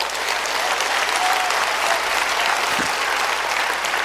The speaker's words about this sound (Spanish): Vamos a dar ese aplauso a Dios.